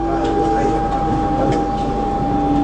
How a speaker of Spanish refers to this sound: Un subte que viene y un subte que va en el recuerdo.